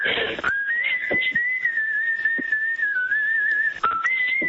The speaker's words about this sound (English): Wow. Very good. And he got a certificate for his whistling as well. You don't hear people whistling enough these days.